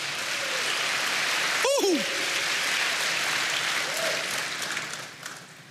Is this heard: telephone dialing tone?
no